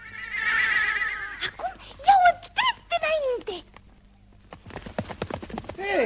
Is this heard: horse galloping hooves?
yes